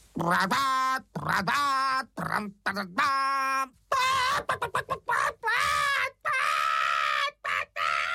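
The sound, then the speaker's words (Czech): A voice imitates a hen squawking in alarm: a run of loud, shrill clucks and cackles, some short and choppy, others drawn out, repeated rapidly over several seconds. “Vykřikla slepice a protože myslela, že hoří, uháněla jako splašená pryč.”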